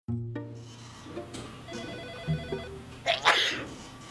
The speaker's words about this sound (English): He just sneezed.